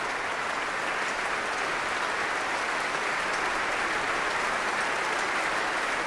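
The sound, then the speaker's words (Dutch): Sustained applause from a large concert audience and from orchestra musicians for their guest conductor and soloists, a baritone and a soprano; dense and steady throughout, with many hands clapping at once in a full hall and no voices standing out. “Er wordt nog steeds geapplaudisseerd. Niet alleen door het publiek, maar ook door muzici uit het orkest zelf.”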